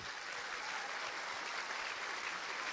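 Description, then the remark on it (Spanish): A crowd applauds the Lord steadily, a dense, even wash of many hands clapping that holds at a constant level for the whole stretch, with no voices standing out. “Un aplauso al Señor.”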